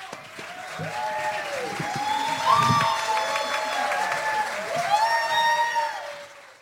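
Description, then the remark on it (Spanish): An audience claps steadily for several seconds to welcome a speaker, a dense crackling wash of applause with scattered whoops and cheering voices rising above it, loud and sustained throughout. “Un gran aplauso para ella.”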